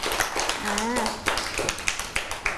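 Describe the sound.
A group of children in a class clap their hands for a classmate who answered the teacher's question, a loose, uneven patter of sharp slaps that continues throughout, with a brief voice rising through the middle of the applause.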